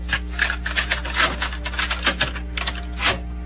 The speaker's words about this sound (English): Cassette tape.